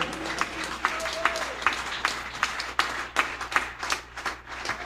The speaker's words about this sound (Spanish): Si esos aplausos es para el Rey, no seas miserable. Dele fuerte ese aplauso fuerte a Jesús.